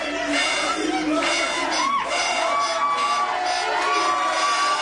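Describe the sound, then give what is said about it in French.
A large crowd of football supporters at a match against Portugal cheers and shouts continuously, loud and dense, with individual yells and whoops rising above the steady roar. “Un match véritable montagne russe pour les supporters.”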